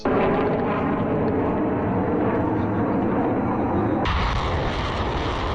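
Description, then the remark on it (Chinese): A swarm of military drones takes off with a loud, continuous roar and heavy low rumble during a joint land-air live-troop exercise by forces from 8 countries including China, Russia and Belarus, rising to reconnoitre enemy forward targets; the noise turns abruptly brighter and hissier partway through. No voices are heard. “随着陆空实兵联合演练正式展开，空地火力率先对敌实施远程打击，无人机蜂群也迅速升空，对敌前沿目标展开多批次空中抵近侦察，为地面战斗群精准提供目标信息。”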